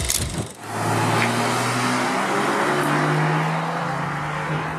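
A sports car engine, driven in sport mode, roars as it accelerates, its droning pitch climbing and dropping at a gear change, with brief sharp crackles from the exhaust at each gear change. No one speaks.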